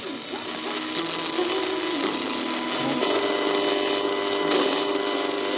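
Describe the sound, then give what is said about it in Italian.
Steady, harsh electromagnetic interference noise from a lamp disturbing an appliance: a dense crackling buzz with droning tones that shift pitch in small steps, continuous and fairly loud throughout, with no voices. “Ecco, questo è il tipico suono che si sente quando un apparecchio è perturbato, come si dice tecnicamente, cioè quando subisce un'interferenza elettromagnetica che ne altera il corretto funzionamento.”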